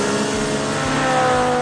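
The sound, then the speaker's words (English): A race car engine at the Fix It Forward Speedway at the Red River Valley Fairgrounds roars loudly and steadily for a couple of seconds, a dense, high-pitched mechanical drone with a constant pitch, heard on its own with no voices. “Feel the excitement of fast cars, roaring engines, and edge of your seat action.”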